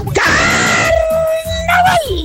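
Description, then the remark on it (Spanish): A man lets out a loud, drawn-out shouted cry, imitating a carnival band's signature yell, holding the note for about two seconds before it slides down. “vos que haces una copia buena, pues la de los del grupo …”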